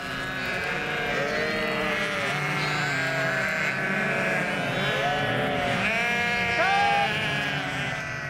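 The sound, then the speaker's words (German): A large herd of sheep on a pasture, ewes with this winter's lambs, bleats continuously. Many overlapping calls of varying pitch, some high and wavering like lambs, others deeper, form a steady loud chorus throughout. “Durch das Blöken, erzählt mir Florian, finden die Lämmer und die Mutterschafe in der großen Herde immer wieder zusammen.”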